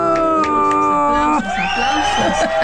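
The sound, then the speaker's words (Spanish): A loud crowd cheers and whoops over steady clapping as a guest arrives, with sustained shouted voices rising and sliding in pitch throughout the short burst. “Aplausos.”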